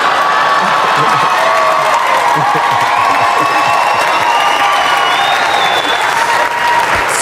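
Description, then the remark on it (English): A loud, sustained burst of audience applause for a rapper, mixed with cheering and whoops, dense crowd clapping that stays steady throughout with shouts rising over it. “Round of applause for ….”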